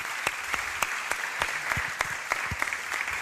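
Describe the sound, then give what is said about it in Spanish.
A studio audience at a night-time radio show claps steadily for a guest, a dense wash of many hands with sharper individual claps poking through, sustained throughout with no talking. “Vamos a dar un aplauso a Bárbara también”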